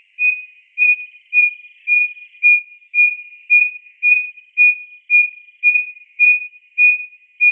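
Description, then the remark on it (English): Striped-breasted wren hoot song: a steady series of about fourteen pure, owl-like hoots on one mid-high pitch, evenly spaced about two per second, quiet at first, then holding a strong level. “Instead of these beautiful, complex, warbly songs that most wren have, it also has a hoot song, we called it, and it starts off like a little owl, and it just gets louder and louder and louder.”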